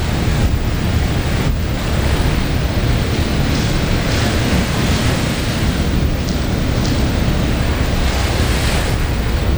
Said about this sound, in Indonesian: Kencang sekali nih gelombangnya.